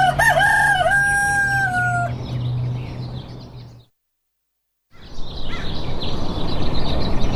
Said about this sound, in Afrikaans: Hoor daar, Betta se ou haan stem saam met jou.